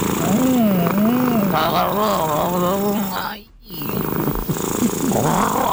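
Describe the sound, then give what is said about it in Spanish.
A cat purrs with a steady, throbbing rumble that briefly drops out near the middle before resuming, while people talk over it. “Así es el ronroneo. Ese es el ronroneo de él.”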